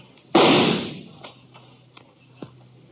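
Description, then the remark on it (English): A single loud, sharp gunshot cracks out in a canyon, aimed at a shadowy figure partway up the canyon wall about 30 to 40 feet away, and rings off into a fading, echoing tail, followed by a few faint scattered taps in otherwise quiet surroundings. “Oh, I didn't stand to reason that I'd hit him with that shot.”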